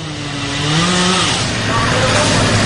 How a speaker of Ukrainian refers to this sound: Від вечора росіяни атакують Дніпро. Звуки вибухів лунали практично усю ніч і вже вранці росіяни продовжують наносити удари і направляти на місто безпілотники. В небі чути шахед.